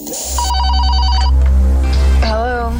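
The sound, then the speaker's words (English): A telephone bell rings in a rapid, trilling burst over a loud, steady low hum, and a voice-like wavering tone rises near the end, opening the Midnight Caller phone segment. “But we've got very important business right now. And you know what that business is. It involves a phone.”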